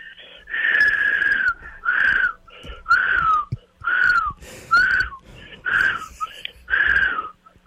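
Someone whistles a tune in about eight short, breathy phrases with brief pauses between them, fairly loud and with no talking.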